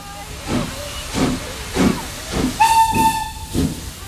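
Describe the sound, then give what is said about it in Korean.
A steam locomotive chuffs in a steady rhythm of hissing bursts, then a loud, sustained steam whistle blows over the continuing chugs near the end. “우리 1세대 아버님들 세대 중에 별명이 칙칙폭폭 아저씨인데 영어를 잘 못해서 칙칙폭폭 소리만 내며 그 한참을 헤매던 그 아저씨를 보고 그 소리만으로도 알아챈 호주 이웃이 직접 역까지 데려다 주었다는 그 이야기가 있습니다.”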